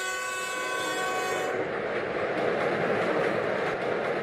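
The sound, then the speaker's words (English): A train horn blares with steady tonal bands at the start, then gives way to the broad rumble and rhythmic clatter of heavy rail cars rolling along the tracks, loud, with no talking, as a loaded freight train pulls away after loading on the Qinghai-Xizang Railway. “装车完毕，起心。”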